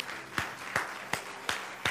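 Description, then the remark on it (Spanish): A standing audience claps together for the Lord in a steady rhythm, five sharp, evenly spaced claps ringing out over a soft wash of crowd noise, fairly loud. “Póngase de pie ahí donde está y dele un fuerte aplauso al Señor.”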